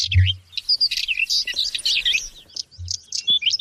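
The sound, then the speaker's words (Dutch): Birds chirp and sing continuously in bright, overlapping high-pitched phrases, clear, with a couple of soft low thumps underneath and no talking. “Ze vormen een gevaar voor vogels als de tapuit en het paapje.”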